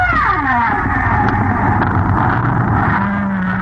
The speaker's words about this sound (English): Off the coast of Bermuda, 2,000 feet down. These are humpback whales singing in a tropical storm.